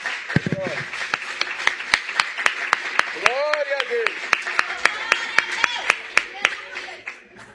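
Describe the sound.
An audience at an evening family church service claps hands together to greet Jesus in a steady, even beat, sharp loud claps about three per second, while voices shout and call out over the rhythm.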